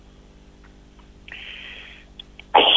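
A single sharp, loud cough bursts out at the very end after a stretch of near quiet, preceded by a faint, thin, high-pitched wheezy rasp.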